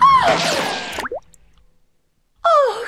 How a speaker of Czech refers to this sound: Kule projela násilníkovou hlavou, až bluňkla do řeky.